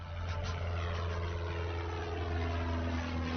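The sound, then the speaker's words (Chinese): A steady propeller-plane drone hums overhead, a continuous low engine roar with a strong deep tone that stays constant throughout, with no voices; the plane, arranged by Soong Mei-ling, flies over Xi'an dropping hundreds of thousands of copies of an open letter. “18日发表给西安军界的公开信，并由宋美龄安排飞机在西安上空抛洒数十万份。”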